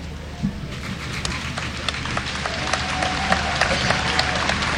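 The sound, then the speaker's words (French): A crowd applauds Pope Leo during his visit, before he has spoken a word, a dense wash of many hands clapping at a constant loud level, with a few sharper individual claps standing out and faint murmuring underneath. “Il n'a pas encore prononcé un mot, notre cher pape Léon, que déjà il est applaudi.”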